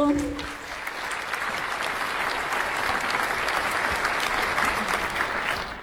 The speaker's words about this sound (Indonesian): Oke, semangat setiap regu. Semangat. Bapak Ibu berikan dulu tepuk yang meriah untuk setiap regu.